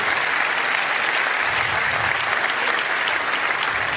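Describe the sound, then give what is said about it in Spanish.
An audience applauds God steadily, a dense, even wash of many hands clapping at constant loudness for the whole span, with no voices standing out. “Vamos a darle un aplauso a Dios si usted está vivo todavía.”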